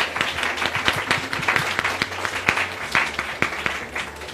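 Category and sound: crowd, audience applause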